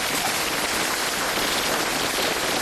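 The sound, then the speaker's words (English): Heavy rain and large hailstones pelt down in a dense, steady roar during a severe storm, with a constant hiss of countless impacts and no voices. “Heavy rain and large hailstones.”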